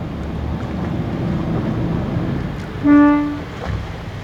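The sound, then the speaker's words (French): A single short boat horn toot from a dive boat, sounded to call divers to come hold on to the boat; a steady harmonic blast lasting under a second over constant wind and engine-like rumble on open water. “il va mettre un petit coup de klaxon, comme ça les plongeurs vont venir s'accrocher.”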